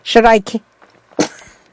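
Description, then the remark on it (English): A brief voiced build-up is followed by a quick, sharp sneeze, a single loud hissing burst that fades fast into quiet. “Sorry, that was a quick sneeze that sneaked up on me”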